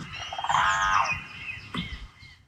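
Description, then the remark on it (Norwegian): A single loud, harmonic trumpeting call of a crane, a greyish long-necked bird, filmed with a camera one morning, rising and then falling over about half a second, followed by a short sharp knock and a steady faint background hiss. “Nei, det var en trane.”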